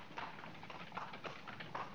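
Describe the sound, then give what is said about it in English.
Steady clip-clop of a horse's hooves at a trotting rhythm as it pulls a cart, each strike sharp, with a faint background rumble of the cart's wheels rolling along behind. “The horse and cart would make it too simple for the cops to be finding us.”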